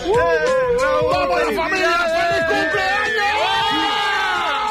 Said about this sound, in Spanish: Por favor, no gritéis tanto que me estáis saturando el sonido.